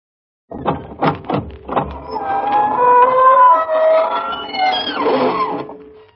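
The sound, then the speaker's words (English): A few sharp knocks, then a long, loud creaking squeal of the squeaking door of the Inner Sanctum radio show slowly opening, its pitch wavering up and down for several seconds before trailing off. “This is your host bidding you welcome through the squeaking door.”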